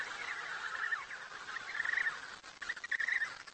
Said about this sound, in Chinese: 母亲们大声地鸣叫，希望小企鹅能够听到自己的声音。